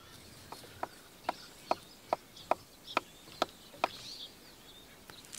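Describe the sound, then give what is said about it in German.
A woodpecker chisels holes into a tree trunk, shaping them to the size of acorns for storage, in a steady series of about nine sharp, woody knocks, evenly spaced, with faint outdoor ambience and no voices. “Größe und Form der Vertiefungen werden spechtgenau auf Eichelmaße getrimmt.”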